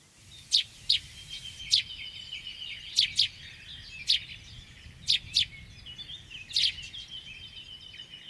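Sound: sparrow song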